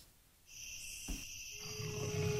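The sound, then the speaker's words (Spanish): A jaguar's roar rumbles low and growing over a sustained high, whistling tone, with a sharp burst early on and the deep growl swelling louder toward the end. “en la penumbra de la noche, su rugido resuena en el tiempo. La huella del jaguar.”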